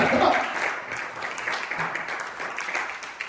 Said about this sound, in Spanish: Y su pueblo le aplaude a él.